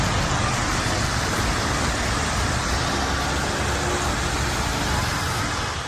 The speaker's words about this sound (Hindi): इस वक्त हम मौजूद हैं आईटीओ ब्रिज पर, तस्वीरें आपको दिखा रहे हैं आईटीओ की। अभी भी झमाझम बारिश हो रही है, लगातार रात से बारिश हो रही है। हालांकि रफ्तार कभी धीमे होती है, कभी तेज़ होती है, कभी मध्यम होती है,